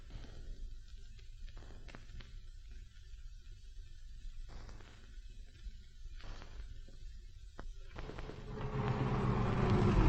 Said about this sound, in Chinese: 哎，卡车停一下。